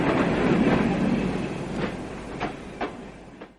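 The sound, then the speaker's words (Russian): Express train number 34 on the Moscow service rolls in to track one at the first platform with a steady low rumble, its rail joints clacking at intervals as it slows, the noise broad, fading slightly toward the end. “Скорый поезд номер 34, сообщение «Москва» или «Клонар» прибывает на первый путь к первой платформе.”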